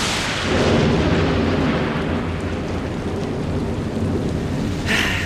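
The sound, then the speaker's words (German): A thunderstorm rumbles with a deep, sustained roll of thunder over steady, heavy rain, the low booming filling the whole stretch, with a brighter splash of rain near the end. “Da hatte man so tolle Pläne für einen Tag am See oder war den ganzen Tag schon schaukeln und dann plötzlich boom, krachendes Gewitter, große Regentropfen und vielleicht sogar Hagel, der vom Himmel schießt.”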